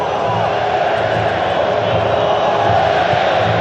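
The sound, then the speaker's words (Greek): Moroccan football fans shout in the stadium during Morocco's match against Brazil, a dense, loud wall of thousands of voices with chant-like swells running steadily throughout. “όλοι φωνάζουν οι μαροκινοί φίλαθλοι που βλέπουν την ομάδα τους να πατάει καλύτερα στον αγωνιστικό χώρο κόντρα στη Βραζιλία των 5 παγκοσμίων κυπέλων.”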